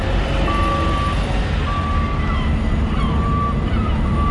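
A steady industrial rumble of trucks carrying large maritime containers and heavy machinery at a busy port east of the city, loading and unloading on the quays, with repeated high reversing beeps sounding at regular intervals over the continuous engine drone.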